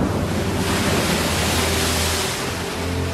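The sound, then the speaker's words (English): Ocean surf fills the air with a steady, broad wash of noise, waves rolling onto the shore with a slight ebb near the end. No voices, just the continuous roar of water. “And at this point, it's a race against time to try to get her out so that she can spend her last moments with her family, see the stars at night one time, and hear the sound of the ocean at least one time before she dies.”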